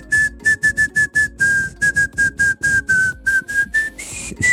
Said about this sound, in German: Jetzt musst du dir vorstellen, ich finde das ja voll schwer, alles in einer Tonart zu pfeifen. Aber der Hit, um den es geht, wäre...